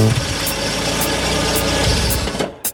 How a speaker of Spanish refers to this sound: El auto se estacionó.